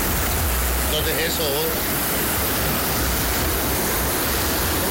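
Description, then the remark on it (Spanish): Loud, steady rush of floodwater pouring through a street behind Vidrí, a continuous roar that fills the whole clip while a man briefly speaks over it. “Por si quieren venir al río artificial que tenemos aquí detrás de Vidrí, estamos a la orden.”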